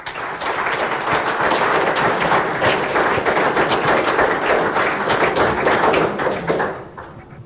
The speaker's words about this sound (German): Herzlichen Applaus.